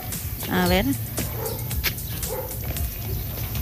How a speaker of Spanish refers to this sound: Bueno, ahí los perritos.